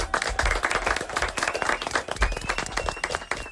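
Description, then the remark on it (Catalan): A round of applause from a small group, dense overlapping claps that stay steady for a few seconds, with no one talking. “Un aplaudiment.”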